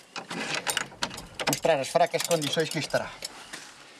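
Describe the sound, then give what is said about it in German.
Metallic clicks and rattling of a key turning in the lock of a childhood bedroom door, followed by a voice speaking over the fading mechanical sounds. “Ich werde die Tür aufschließen, um zu gucken, wie heruntergekommen es ist.”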